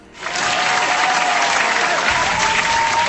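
A burst of applause for a quiz contestant on the radio station 96.9 Cool FM swells in within a fraction of a second and holds steady, a dense, continuous clatter of many hands clapping at once, loud.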